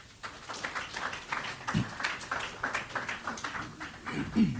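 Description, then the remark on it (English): An audience at a fireside chat in Turks and Caicos gives itself a round of applause: steady, dense clapping from many hands in a continuous crackling wash that holds for several seconds at a moderate level. “Now I'm going to ask you to give yourselves a round of applause.”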